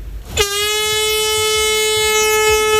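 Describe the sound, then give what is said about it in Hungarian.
A loud, steady horn blast starts almost at once and holds unbroken to the end, a single sustained tone with no voices over it, signalling the end of a 24-hour swimming event. “Megszólalt a duda, ez jelentette a verseny végét.”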